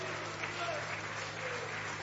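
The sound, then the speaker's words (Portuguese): An audience at a church service applauds the name of Jesus, steadily, a dense wash of many hands clapping at once, fairly loud and sustained throughout with a faint murmur of voices underneath. “Isso, pode aplaudir o nome de Jesus, pode.”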